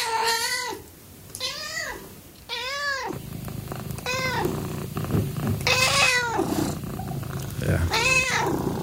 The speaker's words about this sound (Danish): De spinder, de er søde, de er bløde. Vi taler naturligvis om katte